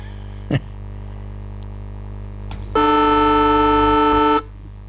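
A siren sound effect played on the radio show Royston's Sporting Roundup sounds as one loud, steady horn-like blast lasting over a second and a half at a constant pitch, preceded by a brief click. No one speaks.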